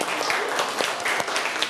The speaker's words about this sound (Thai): โอเคปรบมือให้เพื่อนหน่อยลูกปรบมือหน่อย